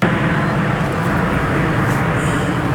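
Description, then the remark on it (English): A loud, steady jet roar fills the whole stretch, a dense rushing drone from the Snowbirds' aerobatic jets flying overhead over Moose Jaw, Saskatchewan, performing signature maneuvers for a hometown crowd, with no talking and no break in the noise. “The plane streaked across the skies over Moose Jaw, performing some of their signature maneuvers that have thrilled audiences for decades.”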